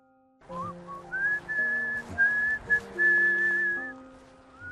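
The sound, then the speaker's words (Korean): A person whistles a bright, steady melody in a quiet, peaceful landscape of the Ili River valley in the Tianshan Mountains, holding long sustained notes over soft background music that plays underneath throughout. “고요하고 평화로운 풍경에 휘파람이 절로 나옵니다.”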